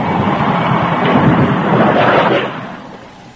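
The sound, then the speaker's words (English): Heavy rain pours down at night in a dense, steady hiss with a low rumbling undertone, holding loud for a couple of seconds before easing off and fading. No voices are heard. “Well, I guess there'll be no customers tonight in this downpour.”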